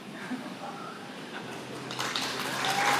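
An audience claps in a dense, crackling wash of applause that swells louder partway through and keeps building toward the end, with faint voices mixed underneath.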